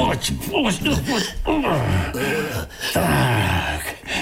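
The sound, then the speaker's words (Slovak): A voice imitates the loud, heavy snoring of a sleeping wolf: a few drawn-out, rumbling breaths with groaning, downward-sliding tones, continuous. “No, ani sa nezobudil. Chrápe, že by z neho mohol pásy rezať.”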